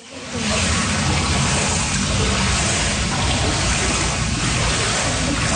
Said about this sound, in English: Pools of water sloshing around flooded basements has been a constant source of worry for residents hit hard by the Canada Day storm.